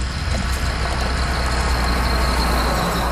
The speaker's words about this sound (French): La voiture me passe devant. Puis elle ralentit. Et elle s'arrête au moins 20 mètres plus loin. Est-ce que c'est arrêté pour moi? C'est un gros char noir, long, long, long. Genre une vieille Oldsmobile des années 70.